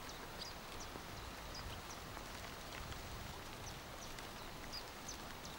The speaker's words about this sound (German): Ein Windhauch geht durch die Bäume.